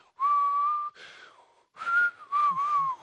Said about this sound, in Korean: 아저씨가 입으로 휘파람을 불면서 나오는 소리였어. 오늘 박스에서 들린 소리는 바로 요 입으로 부는 휘파람. 휘파람 소리였답니다.